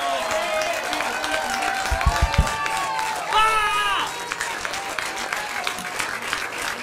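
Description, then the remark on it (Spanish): A crowd applauds a band with dense, steady clapping for about seven seconds, while cheering voices and shouts rise and fall above it, swelling briefly midway. “Un aplauso para la banda, loco, increíble.”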